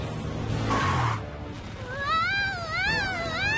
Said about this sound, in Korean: 어? 고양이가 짖네?